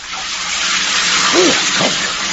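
shower water running

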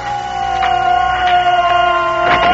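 air raid sirens

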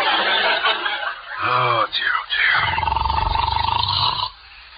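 snoring

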